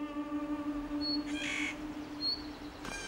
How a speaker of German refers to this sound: Vögel wie der Tannenhäher wissen das raue alpine Klima zu schätzen.